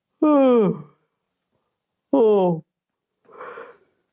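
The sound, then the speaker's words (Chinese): A voice acts out the King of Qin yawning arrogantly on his throne while receiving Lin Xiangru: two drawn-out, falling vocal groans in a row, followed by a softer, breathy exhale, fairly loud in otherwise quiet surroundings. “蔺相如见到秦王，就见秦王坐在殿上，坐得很随意，十分傲慢，眼睛都没看蔺相如，还打着哈欠。”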